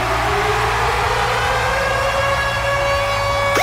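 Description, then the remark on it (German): The Virgin Radio Ticket-Alarm jingle, signalling rock concert ticket giveaways on the Virgin Radio Morning Glory show: a loud, steady siren-style wailing tone that slowly climbs in pitch over a constant low rumble, ending with a sharp upward swoop. No one speaks. “Und zwar immer dann, wenn ihr unseren Virgin Radio Ticket-Alarm hört.”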